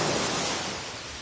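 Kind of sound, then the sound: nature, ocean waves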